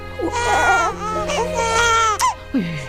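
A baby wails loudly and continuously, with rising and falling cries broken by short gasping breaths, ending in a descending whimper.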